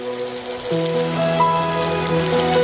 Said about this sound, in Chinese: 高温煎炸，面团膨胀成球，浮于油面，炸至金黄是成熟的标志。